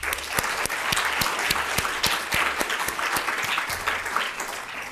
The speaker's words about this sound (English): If we can give them a round of applause.